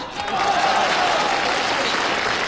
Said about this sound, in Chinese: 因为我发现男同胞的掌声啊热烈。